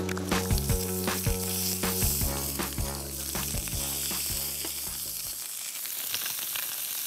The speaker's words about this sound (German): Wir grillen sie von beiden Seiten einmal kurz an, und damit sie schön die Röstaromen haben, und dann garen sie bei mittlerer Temperatur zu Ende. Etwas abseits von der Hauptkohle. Die brauchen so von jeder Seite so gute 5 bis 6 Minuten.